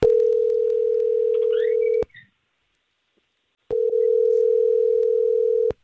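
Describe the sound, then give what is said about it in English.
A steady, loud telephone tone sounds for about two seconds, cuts to silence, then returns for another two-second stretch, a phone line ringing with a pause between rings during an outgoing call placed on air by the Star 101.3 radio morning show. “let's just call her and try to figure out why she ghosted, okay?”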